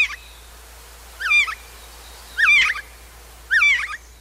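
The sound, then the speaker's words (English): A Canada Jay, also nicknamed Whiskey Jack, calls in a series of short, quavering whistled phrases, about four of them spaced roughly a second apart, moderately loud against a faint low hum, with no voices. “Then, in the depths of winter, the Canada Jay still has something to eat.”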